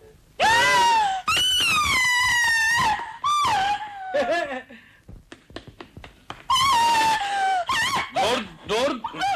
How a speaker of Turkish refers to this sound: Dur. Vapur düdüğü gibi ne bağırıyorsun ya? Duyan da biri boğazlıyor sanacak.